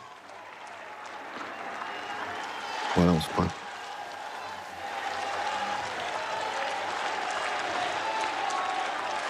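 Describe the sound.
Steady applause and cheering from a large crowd on the square outside a cathedral, greeting Pope Leo XIV after Vespers prayer, in sunshine; a dense continuous roar with a brief louder burst partway through, while a voice talks over it.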